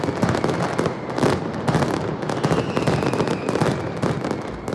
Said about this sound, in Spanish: Bueno, pues hoy se ha disparado precisamente la penúltima mascleta del tradicional concurso de mascletas de Alicante. Sepamos si ha gustado.